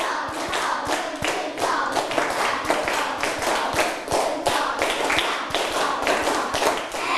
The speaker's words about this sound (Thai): ปรบมือ5ครั้งปรบมือ1ชุด